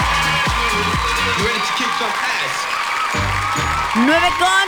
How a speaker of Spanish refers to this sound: Aplausos para nuestros amigos de Walmart.